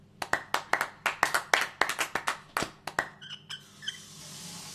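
A small group of team members applauds a colleague for excellent work with quick, irregular, crisp hand claps for about three seconds, then the clapping thins out and fades into a faint hum.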